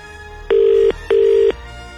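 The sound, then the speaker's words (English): An outgoing-call ringing tone on a phone line, on a call placed by Power FM radio hosts to a listener: two short, steady electronic buzzes in quick succession, loud and clear, with no talking. “Yeah, it's ringing.”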